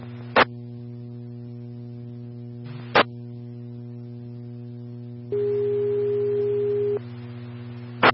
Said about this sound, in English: Medic One Tones for a medical transport at San Juan Center, 806 West Maple. Again, that's San Juan Center, 806 West Maple Street.